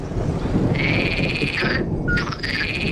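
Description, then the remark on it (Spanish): An Iberian midwife toad's clear, high whistling note, resembling a scops owl, holds steady for about a second, then sounds again with other tonal calls, over a constant low outdoor rumble with no talking. “el sapo partero ibérico, que es como un pitido que vamos a escuchar que se parece a un autillo”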